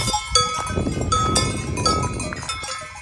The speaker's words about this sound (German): Und dann haben wir so Glocken der Kühe so ganz im Hintergrund irgendwo auch gehört. So klang es ungefähr.